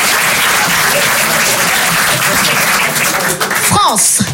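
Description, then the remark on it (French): Loud, steady audience applause fills the whole stretch, a dense wash of many hands clapping at once, with a brief rising-and-falling vocal cheer breaking through near the end. “C'est des applaudissements.”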